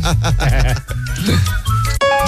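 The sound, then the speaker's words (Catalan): A short bright phone notification ding for an incoming message rings out right at the end, following a stretch of people talking over each other. “No, he rebut un missatge, perdona.”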